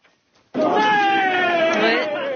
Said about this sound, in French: Ça peut paraître bête, hein, mais ces cris de joie sont une scène finalement plutôt rare, surtout au sein d'une équipe régulièrement jugée robotisée, ennuyeuse.